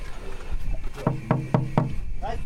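Four quick, evenly spaced, fairly firm knocks on the door of a Harzer Schmalspurbahn narrow-gauge train, with a faint murmur of background noise before and after.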